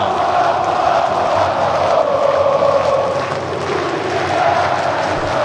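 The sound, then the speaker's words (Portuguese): A dense crowd of Botafogo football fans roars and shouts continuously in support of their team at a Copa Sul-Americana match against Montevideo City Torque, a loud sustained wall of many voices cheering with swells and chant-like rises, no single voice standing out. “Olha o clima da galera, olha o torcedor gritando, olha o torcedor apoiando, é dia de Botafogo!”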